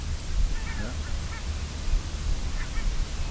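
A pair of barnacle geese flying over their wintering area in the Netherlands give a few short, faint yapping calls in scattered bursts, nearly buried under a steady hiss of wind and a low rumble.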